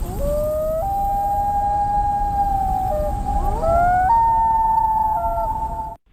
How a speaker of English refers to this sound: If you were thinking in the bird realm, Chandra. Yeah, it's a loon.